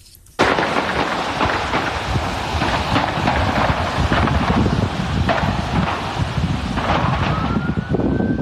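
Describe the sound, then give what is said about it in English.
Several sharp gunshot cracks from a gunman opening fire outside the White House just before 6 o'clock in the evening, recorded by an eyewitness, break out irregularly over a steady, rushing roar like wind buffeting the microphone, and a faint rising siren wail appears near the end. No one speaks. “You just heard there the sounds of the gunshots.”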